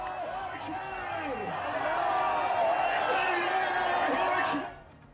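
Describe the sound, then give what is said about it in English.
A large crowd chants in unison at Engelab Square in Tehran, Iran, during celebrations as missiles flew overhead toward Israel: a dense wash of many voices that grows louder and holds steady for several seconds before dropping away abruptly near the end. “Large crowds gathered at Tehran's iconic Engelab Square, chanting in unison, as you can tell.”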